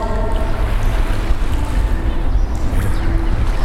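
Steady rush of sea waves with a deep, rumbling wash of water around a boat, continuous and fairly loud, with some wind buffeting the microphone throughout.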